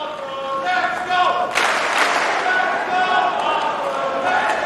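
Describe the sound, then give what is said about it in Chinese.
A stadium crowd chants the name Ferry (费里) in sustained, rising voices, cheering him on loudly throughout, with a sudden burst of noise partway through that keeps the roar going. “现场在喊着费里的名字，观众呢在给他加油鼓劲儿。”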